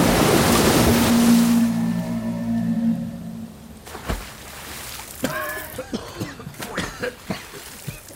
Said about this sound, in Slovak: Valí sa na nás obrovská vlna. Je mohutná ako samotné bralo. Čierna voda hučí ako stádo divých zubrov. Strháva stromy aj skaly. Ako by to boli len kúsky dreva.